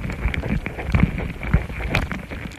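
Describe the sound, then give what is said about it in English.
Dense, rapid patter of tiny scratchy ant footsteps picked up by contact microphones laid next to their nest, with irregular soft clicks and taps over a steady faint hiss, no voices. “But with these microphones, we can hear their little footsteps loud and clear.”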